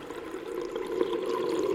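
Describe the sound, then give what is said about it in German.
A steady, muffled watery wash with a low rumbling churn heard underwater, continuing evenly without pauses and no voices present. “Die Kinder erinnerten sich später an nichts mehr, denn sie wachten auf unter Wasser.”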